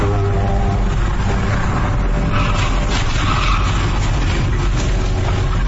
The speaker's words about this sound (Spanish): video que se viralizó, se observa dos unidades presuntamente realizando carreritas en la vialidad con poco tráfico. De pronto, la camioneta rebasó por el carril izquierdo y golpeó de lleno al biker, quien salió proyectado con fuerza sobre el asfalto.